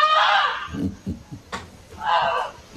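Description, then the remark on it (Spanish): A pet goose gives two loud, harsh honks about two seconds apart, with quieter low rustling and muffled sounds in between, honking at its family as a fire approached. “Bueno, este ganso mascota grazna a la familia porque se venía un incendio, Eduardo.”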